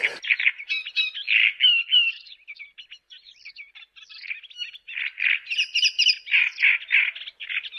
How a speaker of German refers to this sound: Der lauteste ist der Drosselrohrsänger, den kennen Sie wahrscheinlich, den hatten wir ja schon mal, ne? Der so tatsächlich so DJ-mäßig da auftritt.